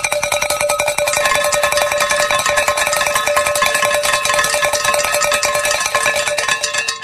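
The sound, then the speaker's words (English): Bells ring continuously in a loud, dense clamor, with rapid overlapping strikes and bright, sustained metallic tones layered throughout, with no voices. “And as I like to say, when the bells are ringing, the angels are singing.”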